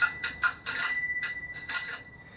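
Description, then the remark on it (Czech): The bell of an older bicycle, just lubricated with silicone oil during repairs at a bicycle workshop in Brno, rings in a quick series of bright dings, two short bursts then a longer ringing stretch, clear with no voices. “zkusíme ho rozpohybovat a začíná trošku vydávat zvuk, který už by mohl stačit.”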